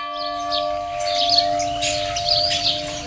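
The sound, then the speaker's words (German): A church bell strikes the half hour at half past five, with a long, steady, resonant hum that lingers through the moment, while birds chirp and twitter brightly in the background among tall trees. No one speaks. “Jetzt ist halb 6.”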